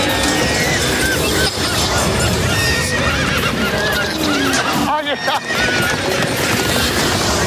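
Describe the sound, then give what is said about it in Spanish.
Horses whinny and neigh repeatedly over a dense, noisy background at the San Fermín festival in Pamplona, with hooves clopping beneath and a busy crowd-like din throughout. “Caballos, vaquillas y Maverick que toma el avión y huye de los toros”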